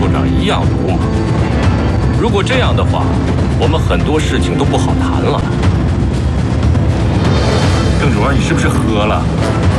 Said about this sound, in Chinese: 枪声，留神，都别动！